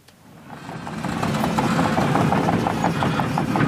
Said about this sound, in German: Die Bagger rollen hier an der Grundschule in Kernen im Remstal nahe Stuttgart. Ein Sound, der heute nicht nur Lokalpolitiker anlockt.